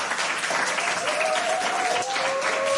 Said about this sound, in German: Es ist immer so schön mit Publikum. Weißt du, sonst im Radio applaudiert ja sonst keiner, finde ich ganz toll.